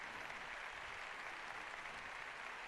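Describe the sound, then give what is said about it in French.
A crowd of the faithful in the Canary Islands claps and cheers after words of thanks to the Pope from their bishop, José Mazuelos Pérez, in a steady, dense wash of applause that holds at an even, fairly loud level throughout, with no clear voices standing out. “Les acclamations des fidèles à la suite du mot de remerciement de leur pasteur, leur évêque.”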